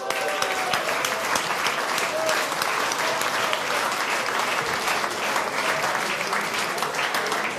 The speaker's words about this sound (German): Also, ich glaube, ich bin das 30. Mal dabei. Das ist doch ein Applaus wert.